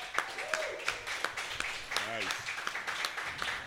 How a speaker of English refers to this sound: That was a larger applause than you got.